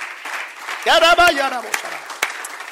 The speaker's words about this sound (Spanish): Den un aplauso a Dios Jesucristo, hermano, en nombre de Jesús.